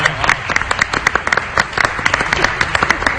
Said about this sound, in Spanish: Un aplauso para Parra. Un aplauso.